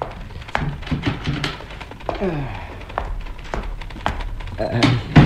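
A wooden door in an office, leading to a service room, creaks open and shuts, with several sharp thunks and clicks from the latch and frame spread over a few seconds.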